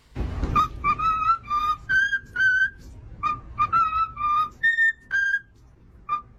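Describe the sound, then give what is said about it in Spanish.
A cockatoo whistles the Happy Birthday tune in clear, slightly wavering notes, phrase by phrase with short pauses between, the pitch stepping up for the higher lines. No one talks over it. “Es un loro, una cacatúa, piando lo que es el cumpleaños feliz.”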